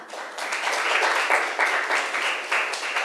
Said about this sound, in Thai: นักเรียนค่ะปรบมือให้เพื่อนหน่อยค่ะ